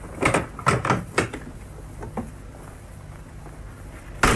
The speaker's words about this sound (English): Open the door.